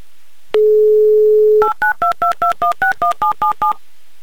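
A steady dial tone plays for about a second, then ten quick, evenly spaced touch-tone beeps follow as a phone number in Yekaterinburg is dialed, each a two-pitched electronic tone.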